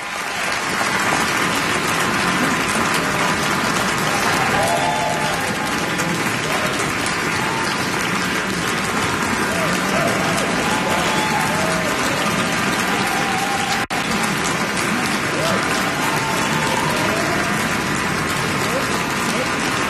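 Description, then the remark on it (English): A large concert audience at Caruth Auditorium, Owen Arts Center, Southern Methodist University, applauds steadily after the Meadows Symphony Orchestra under Edward Cumming performs Bruckner's Symphony No. 8 in C minor: a dense, sustained wash of clapping at even loudness throughout, with faint crowd voices mixed in. “The crowd continues to applaud Edward Cumming and the Meadows Symphony Orchestra in that enormous undertaking, one of the most vastly imagined symphonies in the repertoire, Bruckner's Eighth.”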